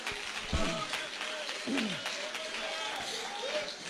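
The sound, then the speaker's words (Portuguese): A church audience claps hands in a dense, steady burst of overlapping claps, praising the Lord, with voices calling out over the applause. “Exalta o Senhor com palmas e aleluia.”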